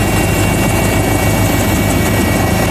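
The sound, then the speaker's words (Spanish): A helicopter with cameras, one of four providing security over Madrid for the Pope's visit, thumps steadily and loudly overhead, a rapid low chopping rotor pulse layered over a broad roaring engine whine, with no voices. “Fíjate, solo en Madrid 4 helicópteros con cámaras van a velar por la seguridad del Papa y de todos.”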